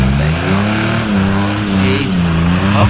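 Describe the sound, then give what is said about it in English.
A car engine revs loudly and continuously, its pitch repeatedly climbing and dropping as the throttle is pushed while the car is stuck in the mud, with no one speaking. “brought the car down”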